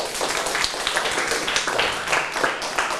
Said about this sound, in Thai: ข้อนี้ก็คือราคาสินค้าถูกต้องครับปรบมือตัวเองดังๆได้เลย